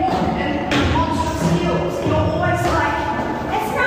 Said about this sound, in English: Listen to her. Listen, I'm getting this in the neck. She's stomping down the stairs.